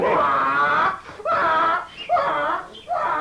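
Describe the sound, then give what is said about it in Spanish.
A donkey brays loudly in four harsh, rising-and-falling bursts with brief gaps between them, a strained, wheezing heave that sounds almost like a moaning wail. “¡Uy, hombre, si ahí viene ese maldecido burro!”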